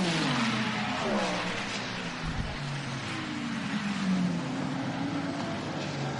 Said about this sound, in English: Oh, huge crowd of cars going across the start-finish line with 3.5 to go.